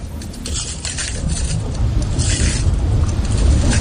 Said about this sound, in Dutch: Waar lopen we overheen? We lopen over een oude lavastroom. Die is al hard geworden en als we er overheen lopen, dan breekt die af. En dat geeft een knisperend geluid, het afbreken van die lava. Het klinkt een beetje als het breken van glas.